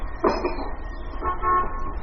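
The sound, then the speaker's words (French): Two horn toots, a short blast followed by a longer, steadier one, honking at a mid pitch over a low rumbling background with no one talking. “C'est juste après le tutut.”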